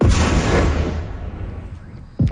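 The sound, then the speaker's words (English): A loud, deep explosion from an overnight Russian drone and missile attack on Kyiv, Ukraine, booms and rumbles away over a couple of seconds, followed by the start of another sharp blast at the end, heard in the open. “Loud explosions rocked Kyiv for hours as the city was hit by hundreds of drones and missiles.”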